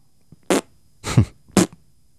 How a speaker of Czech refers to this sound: Ty prdíš jako papardele.